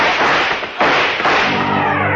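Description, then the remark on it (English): Two loud, sharp gunshots in quick succession, fired up a spiral staircase, each followed by a heavy, booming echo that fills the stairwell. No one speaks. “A couple of bullets flew up the spiral and caught him in the chest.”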